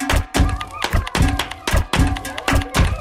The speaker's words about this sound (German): Da klatsche ich doch gleich mal im Takt dazu.